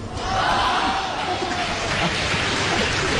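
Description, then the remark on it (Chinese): A large audience claps steadily after a crosstalk performer recites a tongue-twister in one breath, a dense wash of applause that holds at a fairly loud level for the full few seconds, with a faint crowd murmur underneath. “别鼓掌了。”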